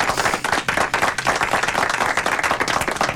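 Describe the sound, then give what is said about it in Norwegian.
Steady audience applause fills the whole stretch, a dense, continuous patter of many hands clapping, loud and even without pauses. “Får applaus til.”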